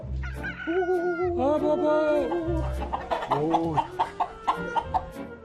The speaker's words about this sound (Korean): 여긴 토종닭이네, 토종닭.